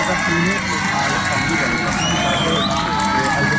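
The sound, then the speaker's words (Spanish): A large crowd of fans cheers and claps continuously at a Colombia national football team (Selección Colombia) training session, welcoming the team; a dense wall of voices and applause with scattered shouts rising above it, steady and loud throughout. “También sale Juan Fernando Quintero y bueno, toda la gente para hacer la bienvenida a la Selección Colombia aquí. Su preparación, escuchemos los aplausos.”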